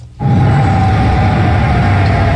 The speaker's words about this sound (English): Air raid sirens sound in Amman, Jordan last night.